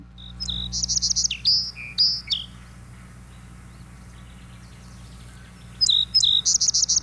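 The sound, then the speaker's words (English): A song sparrow sings two clear phrases separated by a few seconds of quiet, each opening with a few sharp notes before breaking into a buzzy trill and jumbled melody. “Let's hear what a song sparrow sounds like.”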